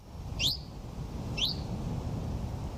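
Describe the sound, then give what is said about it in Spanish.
A wild bird calls twice, each note a quick, high, sweeping chirp about a second apart, heard over a steady low rumble of outdoor background noise. “¿Has podido identificar alguno de estos sonidos?”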